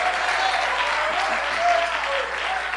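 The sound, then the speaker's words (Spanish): Loud, sustained applause from a large crowd, given to God, a dense steady clatter of many hands clapping for the whole stretch, with faint cheering voices mixed in. “Alguien le da un fuerte aplauso a Dios.”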